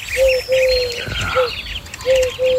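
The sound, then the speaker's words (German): Human voices imitate a dove's cooing with a series of soft, hollow hoots in a loose, repeating rhythm, fairly loud, with faint higher whistling noises mixed in. “Die Taube war für uns aber wirklich so ein ganz klassischer Totenvogel, denn sie ruft...”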